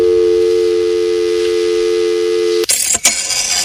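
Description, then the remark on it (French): A steady, loud telephone tone hums for a couple of seconds, then cuts abruptly into the harsh, hissing electronic screeches and chirps of an old fax machine. “Voilà, alors autre son, celui du téléphone et du fax, et là aussi, c'est une autre époque.”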